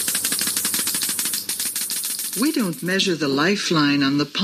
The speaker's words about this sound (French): Elle le fait au moyen d'un compteur GGR. It's done with a Geiger counter.